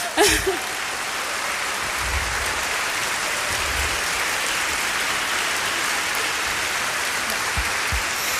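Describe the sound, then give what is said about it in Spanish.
A crowd bursts into sustained applause for the musical promotion team at a cultural and music venue, a dense steady clatter of many hands clapping that fills the space evenly for several seconds without letting up. “y ahora es un recinto cultural que vibra cada día más, es un recinto musical, es un recinto donde justamente el equipo de fomento musical, para quien pido un gran abrazo, un gran aplauso.”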